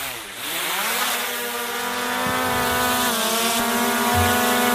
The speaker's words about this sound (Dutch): Ja, dit is een drone die we hoorden, hè? Ja, precies. Ik dacht eerst vervelende muggen.